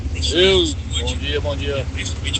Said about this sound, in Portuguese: Olha como é que tá aqui, ó. A SC-102 aqui de novo, ó. Bem no horário de pico aí, o pessoal aí trabalhando. Aí o trânsito vai, para um lado, daí para, passa outro lado. E assim tá. O trânsito tá um caos aqui.